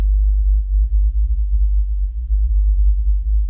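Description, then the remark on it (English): A deep, steady whale song hums along at the very bottom of hearing, one loud low tone that swells and wavers slightly for a few seconds with no other sounds around it; the whale is calling out at the wrong frequency. “This whale calling out at the wrong frequency, that is a huge deal for a whale.”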